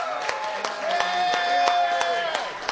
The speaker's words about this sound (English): It is live, the Morning Answer, broadcasting from Brandon's Diner on Sunnymead in Moreno Valley. A big round of applause for all of you coming out. So great to spend some time with everybody.